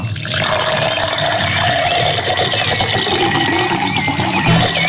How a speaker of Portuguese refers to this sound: Então, ó, com toda a fé, prepara o copo com água aí pertinho do rádio, tá bom? E eu vou preparar meu copo com água aqui também, ó.